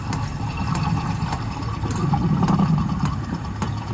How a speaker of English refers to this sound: And this is the humpback purring.